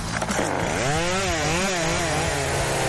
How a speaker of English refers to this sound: So I went and I bought a chainsaw, just an electric one that you plug in.